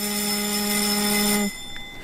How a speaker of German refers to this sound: Selbstverständlich, das ist der Gong im Deutschen Bundestag, den man viele, viele Male gehört hat und wo man viele Male immer zur Abstimmung musste. Genau, das ist das Zeichen für die Abstimmung.